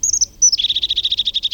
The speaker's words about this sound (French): Il a le ventre jaune. C'est une mésange.